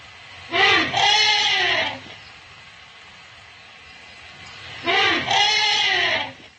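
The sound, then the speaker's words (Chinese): Elephants greeting a newborn baby in their family: two loud, brassy calls, each about a second and a half long and rich in harmonics, separated by a quiet pause of nearly three seconds. “现在我要放给你们听的是大象迎接家族中的新生婴儿时发出的声音。”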